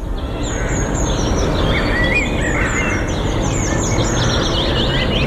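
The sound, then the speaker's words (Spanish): Birds chirp and sing steadily in a park in the middle of winter over a constant outdoor ambience, with overlapping calls throughout and some quacking-like notes mixed in, all set against a broad background hum. “Lo que están escuchando de fondo ahora mismo... es el ambiente de un parque en pleno invierno. Pájaros cantando”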